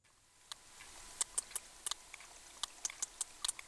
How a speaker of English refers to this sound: Their clicks are one of the most powerful sounds on the planet. A team of scientists used underwater microphones to record groups of sperm whales.